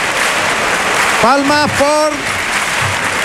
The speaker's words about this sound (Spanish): Palmas choqueras. Por Huelva. Palmas de Huelva.